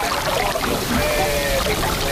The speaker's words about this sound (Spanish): Estáis escuchando cómo suena el mar contra el espigón del puerto de Bayona, esa localidad turística de las Rías Baixas cercana a la ciudad de Vigo.